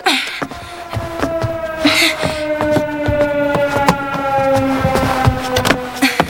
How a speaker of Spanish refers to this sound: no tocaría la sirena a menos que sea cierto.